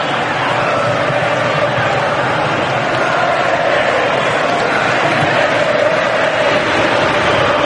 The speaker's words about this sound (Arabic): أجواء كبيرة يصنعها الجمهور الأرجنتيني هنا في ميامي.